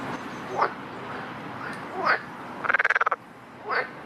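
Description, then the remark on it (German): Several frog calls ring out against a low background hum: short rising croaks spaced about a second and a half apart, plus one rapid pulsed trill of about eight quick clicks near the end. “Und der Frosch lebt ganz nackt im Wasser.”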